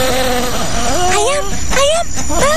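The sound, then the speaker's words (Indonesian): Bees buzz in a loud, steady drone, with a higher wavering tone sliding up and down over it for a couple of seconds. “Ya ampun, Lebah. Pagi buta gini udah kerja aja.”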